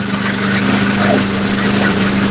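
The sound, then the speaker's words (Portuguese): A loud engine runs steadily, a constant low droning hum with a rough mechanical rattle and no change in pace throughout. “Disparou o motor lá, ó.”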